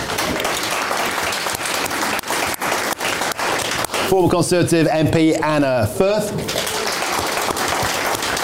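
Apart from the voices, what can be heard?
studio audience applause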